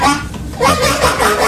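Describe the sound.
A fart imitating a duck quack: two raspy, honking blasts in quick succession, fairly loud, with no talking over them.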